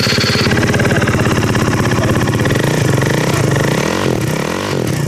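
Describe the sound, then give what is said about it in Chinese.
A motorcycle with a modified exhaust, added spotlights and a curled, bent license plate roars and revs loudly as the throttle is opened, its throttle blipping in uneven bursts over a continuous rough rumbling idle, no voices present. “这辆摩托车不仅号牌卷翘弯折，还加装了射灯，改装了排气，启动油门后发出巨大的轰鸣声。”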